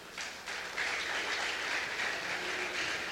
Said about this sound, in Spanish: Siempre está dispuesto y siempre lo ha dicho públicamente, que el que tenga una necesidad, no dude en llamar, porque su teléfono está prendido las 24 horas del día. Yo creo que eso merece un aplauso, amén.